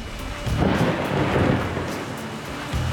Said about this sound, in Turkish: Ancak yağmur şiddetini birden artırdı ve fırtınaya dönüştü.